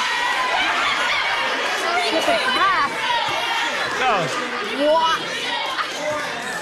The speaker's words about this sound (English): Wow. I love this audience after us tonight. I do too. Hey, in case if you couldn't hear at home, basically universally everybody yelled, "Drink it!" What a crowd!